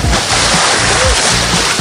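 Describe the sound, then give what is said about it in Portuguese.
A loud splash of someone plunging into a swimming pool, followed by continuous churning and sloshing water that fills the short moment, with a faint murmur of voices underneath. “Posso dar um mergulho na tua piscina?”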